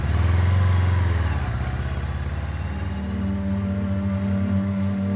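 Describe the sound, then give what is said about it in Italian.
A motorcycle engine rumbles loudly, its pitch dropping and then climbing again as it revs and pulls away, a steady throaty drone throughout; a motorcycle setting off from Cecina toward Naples in July 1944. “Il 18 luglio del 1944, in motocicletta parte da Cecina verso Napoli.”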